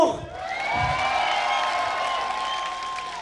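A crowd applauds and cheers continuously for a few seconds, a dense wash of clapping with sustained shouts and whoops rising above it, fairly loud and steady throughout.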